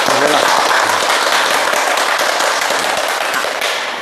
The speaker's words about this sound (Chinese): 今天呢，我们非常高兴的邀请到了国家语委咨询委员、中国传媒大学的姚喜双教授，我们掌声欢迎。